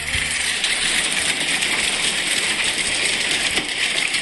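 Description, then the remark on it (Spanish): Hail pelts down in Belville, having started on dry ground, in a dense, steady roar of countless hard impacts, loud, with sharper individual clatters popping out now and then. No voices are heard. “Sí, acá me están mandando a videos, granizo en Belville, empezó en seco, a ver.”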